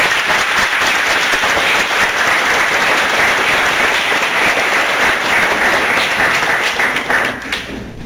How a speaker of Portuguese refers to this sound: Salve de palmas.